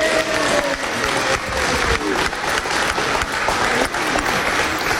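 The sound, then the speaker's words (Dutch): Sustained applause from a crowd as a woman is thanked and given a bouquet of flowers: a dense, steady clatter of many hands clapping at an even, loud level for the whole stretch, with no one speaking over it. “Applaus!”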